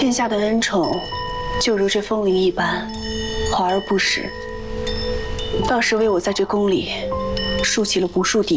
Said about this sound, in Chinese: 特命人挑选了西域进贡的风铃一串，有养心凝神之效。挂上吧。